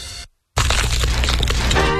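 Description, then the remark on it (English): A brief sound cuts to a short silence, then loud, crisp crunching of bites into crispy New Orleans Pizza chicken wings, made with a new and improved wing recipe, fills the rest, dense and crackly with no voices. “Hear that crunch? New Orleans Pizza wings are now crispier than ever with their new and improved wing recipe.”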